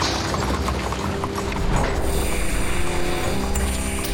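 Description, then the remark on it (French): Horse hooves clip-clop in a steady series of knocks over a constant rumbling background, with no voices, as horses do the hauling on an old construction site worked without cranes or trucks, only picks, hammers, shovels and carts. “À la force des chevaux aussi.”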